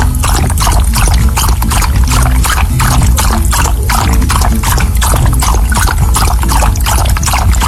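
Water pours steadily and continuously for a jaguar to drink, a loud splashing stream with a rhythmic gurgle that runs unbroken from start to finish, with no voices.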